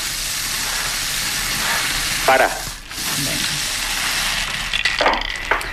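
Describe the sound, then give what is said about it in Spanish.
Small balls tumble and rattle in a spinning lottery drum, a dense, steady clattering hiss that holds at an even level throughout, with a brief spoken word partway through. “Bueno, pues calienta, al bombo.”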